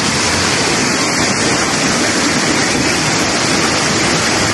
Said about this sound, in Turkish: Şiddetini artıran akıntı önüne kattığı her şeyi sürükledi.